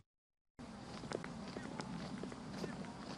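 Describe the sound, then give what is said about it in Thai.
Many footsteps of southern border boy scouts and girl guides crunch along together, heading into Camp Somdet Phra Suriyothai, 153rd Infantry Regiment, Pattani Province, after a brief silence, with irregular steps, some sharper, over a steady rumble of outdoor crowd noise and faint indistinct voices. “เสียงก้าวเดินของเหล่าลูกเสือและเนตรนารีชายแดนใต้กำลังมุ่งหน้าเข้าสู่ค่ายสมเด็จพระสุริโยไทยกรมทหารราบที่153จังหวัดปัตตานี”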